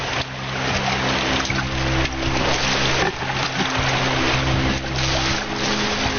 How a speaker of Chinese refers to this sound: 这发动机打不着了，这船进了这么多水，不会沉了吧？